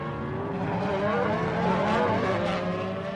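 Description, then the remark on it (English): Race car engines roar continuously on track as racing resumes under the green flag, with high-pitched whining tones rising and falling as several cars accelerate and pass at speed. The sound stays loud and steady throughout, with no voices. “As you can probably hear, we are back to green flag.”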